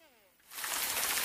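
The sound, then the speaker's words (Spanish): A brief trailing voice gives way to a sudden burst of steady, dense rain, a loud hiss of countless drops falling without pause. “La lluvia.”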